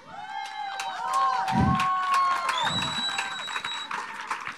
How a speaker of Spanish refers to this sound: Así que un aplauso enorme para los más pequeños de la escuela.